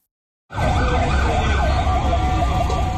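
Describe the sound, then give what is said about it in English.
A fire truck siren wails loudly on the streets of Caracas, Venezuela, after two powerful earthquakes, its rising and falling tone riding over a heavy engine and traffic rumble, cutting in abruptly after a brief moment of silence. “Fire trucks are on the streets of Venezuela's capital tonight after two powerful back-to-back earthquakes struck west of Caracas, bringing down buildings.”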